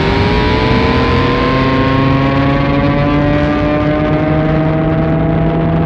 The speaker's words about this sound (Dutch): 4, 3, 2, 1, 0. Daar gaat de raket.